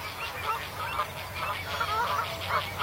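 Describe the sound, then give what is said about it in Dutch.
Northern lapwings call repeatedly at Moordhuizen on the Maas in Gelderland, Netherlands, their nasal, wheezy cries recurring every half second or so over a steady low rumble of wind or background noise. “Oh, de kievit weer.”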